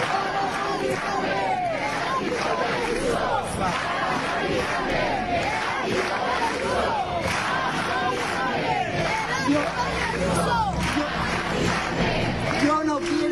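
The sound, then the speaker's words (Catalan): A large crowd at a housing protest shouts and chants slogans in unison, including 'para Mari Carmen, el ático de Ayuso', a dense, loud roar of many voices that keeps going without a break for the whole stretch. “I avui comencem amb un àudio on escoltareu una multitud que criden para Mari Carmen, el ático de Ayuso.”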